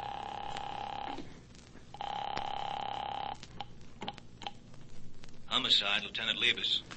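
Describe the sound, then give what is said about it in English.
A telephone rings twice through the line as a call to a phone number is placed, two steady buzzing tones about a second each with a short gap between them, before a voice comes on at the end. “Calling that number.”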